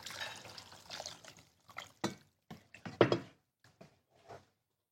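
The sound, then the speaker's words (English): About 4 cups of water splashes and pours into a cooking pot holding tomato sauce, in a broad, hissing gush that breaks into several short bursts and sloshes, moderately loud, with no talking. “And this is about 4 cups of water.”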